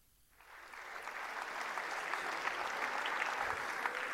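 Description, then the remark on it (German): Applause from a sold-out audience at a 2024 Bernd Stelter comedy show swells up after a brief quiet start, then holds as a steady, dense wash of clapping with scattered sharper claps poking through. No one speaks. “Große Begeisterung beim Publikum und bei euch sicherlich jetzt auch hier im FRK.”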